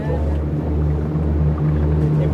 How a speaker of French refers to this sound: C'est le bateau.